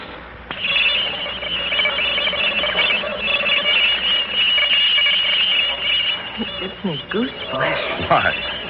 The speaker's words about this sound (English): I'm about to play a tape recording for you of the noise pattern that came from outer space